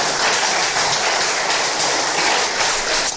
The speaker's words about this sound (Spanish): ¿Cuántos dicen amén? Dale un fuerte aplauso, hermano, hermana.